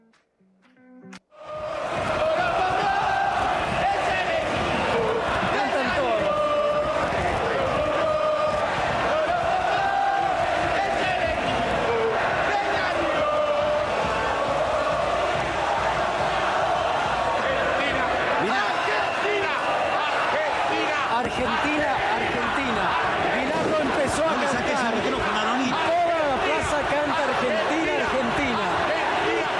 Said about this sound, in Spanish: Que Bilardo, que es un auténtico y toda la vida ha sido un auténtico líder, le quita el micrófono, toma el micrófono, se acerca al micrófono y le dice: cállate, boludo. Grita: Argentina, Argentina. Y cambia el tono del cántico.